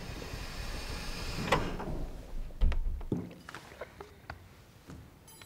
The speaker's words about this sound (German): Türen öffnen sich.